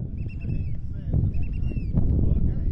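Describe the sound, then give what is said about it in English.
Strong wind buffets and roars across the microphone as a boat carrying volunteers rocks and thumps through choppy waves in Lynn Canal, Alaska, with faint bird calls chirping high above the steady low rumble. “The wind is whipping, and the boat lurches in the waves.”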